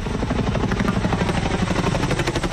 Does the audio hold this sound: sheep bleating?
no